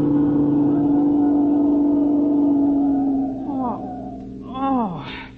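A car engine drones steadily at a loud, even pitch, then revs with swooping rises and falls in tone as the vehicle slows and comes to a stop while the driver wrestles with the steering wheel and gear shift. No one speaks.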